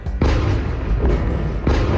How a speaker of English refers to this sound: As Russian missiles rain down on Kyiv,